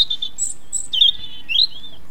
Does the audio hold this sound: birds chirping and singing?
yes